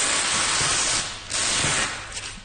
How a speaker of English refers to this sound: So unwrapping a Monet. Yeah. Just going to lift it to where it's going on the wall. I'm going to get the sounds of the unwrapping, actually. It's quite nice paper tape sound.